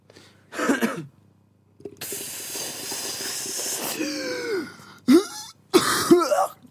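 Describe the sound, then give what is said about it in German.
Harsh coughs and throat-clearing bursts right into a microphone, separated by a long raspy hiss of breath, with the loud blasts distorting slightly. “In dein Mikrofon husten.”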